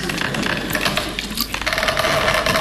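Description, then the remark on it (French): Wood creaks and grates in a dense, continuous rattle. Midway through, a sustained squeaky whine rises out of the texture and holds steadily until the end. “Ah, c'est le bois qui grince.”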